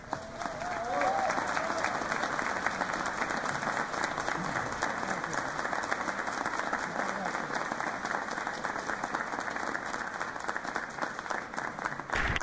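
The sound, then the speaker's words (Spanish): Sustained audience applause for a choir, dense and steady, with many hands clapping at once for the whole stretch at an even loudness, and faint voices mixed in beneath. “Un aplauso muy grande y mi agradecimiento a todos sus miembros, al coro ….”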